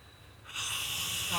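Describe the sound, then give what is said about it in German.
A man snores, one long rasping, breathy inhale that starts abruptly after a brief quiet moment and holds steady to the end, at a venue set up with curtains for a vernissage. “Der Herr, der hier schnarcht.”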